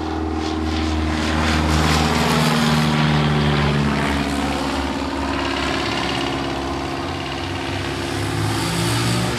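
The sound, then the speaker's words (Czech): A propeller plane, not a fighter but an aircraft closely linked with the Second World War, roars loudly overhead, its steady droning engine filling the whole clip with strong low harmonics and a slight pitch shift as it passes by; no voices. “Nám tady nad hlavou přeletěl letoun, skoro jako kdybychom se ocitli v těch 40. letech.”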